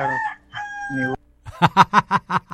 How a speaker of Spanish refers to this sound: Oye, mira, fíjate, se escucha un gallo.